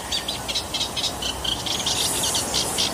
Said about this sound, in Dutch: En Jacqueline nam aan de kalfjeslaan in Amstelveen een kleine karakiet voor ons op. Daar heb je er weer een.